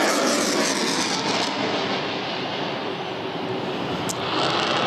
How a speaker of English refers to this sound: Plane now banking quite hard to the left and going across the beautiful Mindle Beach sunset as it's setting down into the haze and that classic orange, which usually brings such loud applause.